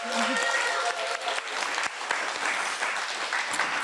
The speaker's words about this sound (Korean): 원래 저희 공연 다니면 절대 한마디도 안 하는 연주자인데, 이 공연을 위해서 특별히 두 곡이나 설명을 해 주셨잖아요. 박수 한번 주실까요? 한번 더.